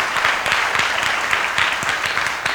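A crowd applauds steadily in support of mom and dad, many hands clapping at once in a dense, continuous wash of sound that stays fairly loud and even throughout, with no talking.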